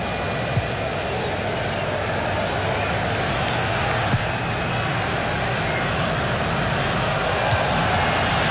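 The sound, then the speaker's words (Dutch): A large crowd of Scottish football supporters roars steadily in a stadium at a World Cup match, a dense, unbroken wall of cheering and shouting that holds at an even loudness from start to finish. “Je hoort het aan de Schotse supporters.”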